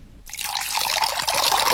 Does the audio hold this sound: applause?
no